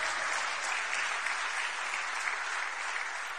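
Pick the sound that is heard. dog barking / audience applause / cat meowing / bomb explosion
audience applause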